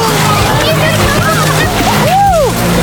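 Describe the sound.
Water splashes and sloshes as people jump into a crowded open-air swimming pool on Wejherowska Street in Wrocław, Poland, on a hot day, with a noisy bustle of voices and a rising shout or squeal in the background.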